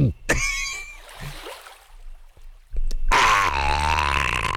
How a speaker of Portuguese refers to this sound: ele brinda a saúde, apresenta a garrafa d'água para todos que estão presentes aqui no estúdio, para os bandinhos. E nesse momento ele coloca. Coloca a boca na garrafa d'água, coloque você também. Coloque a boca. Você tá ouvindo? Ele tá... Tá bebendo.